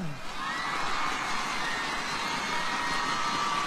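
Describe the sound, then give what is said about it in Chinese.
A large crowd applauds steadily at a live show, a dense wash of clapping mixed with cheers and shouts that holds at an even, loud level throughout without fading. “唔信，俾啲掌声听下。”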